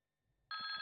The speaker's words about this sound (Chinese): 这时电话铃急促地响了起来